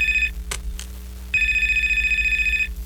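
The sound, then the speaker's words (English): A telephone rings with a call from the answerer's wife, in two bursts, a high, steady electronic trill with a fast warble, separated by a brief pause with a couple of short clicks, over a low hum. “Gotta take this. It's my wife.”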